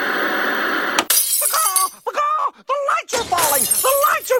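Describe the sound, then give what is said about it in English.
A steady rushing noise gives way to a sudden crash of studio lights falling and glass shattering, with debris clattering on as voices cry out in short, rising bursts. “The lights here in our studio are falling.”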